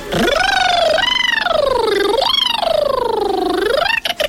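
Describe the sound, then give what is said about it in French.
A voice imitates a siren, gliding its pitch up and down in three sweeping waves over about four seconds, loud, with a brief breathy pause near the end. “Avec la sirène, du coup, on monte en”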